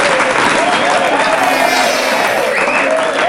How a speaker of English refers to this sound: Just give them another round of applause.